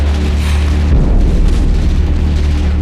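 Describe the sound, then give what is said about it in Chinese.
Heavy battle noise with gunfire approaching along the street to the left and deep booming blasts rolling together into a dense, continuous low rumble, loud and sustained throughout with no voices. “好了，枪声已经接近左边那条街道，能响到你的门前，我们的讨论就没有任何意义。”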